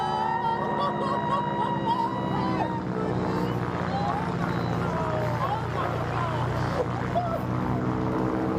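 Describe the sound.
A propeller plane engine drones loudly and steadily throughout during an acrobatic wing walk by an 82-year-old woman, its low harmonic hum unbroken, with indistinct voices faintly mixed in beneath the roar.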